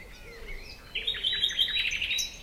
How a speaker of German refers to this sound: Ich denke da nur an die Vögel und an nichts anderes. Ja, mir hüpft richtig das Herz so ein bisschen. Es ist still, ich höre diese Vögel.